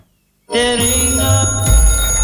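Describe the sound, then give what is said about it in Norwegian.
After a brief silence, a bell starts ringing abruptly during a radio bingo game and keeps going, a loud, bright, continuous metallic ring with layered overtones and no voices. “Det ringer det, vet du.”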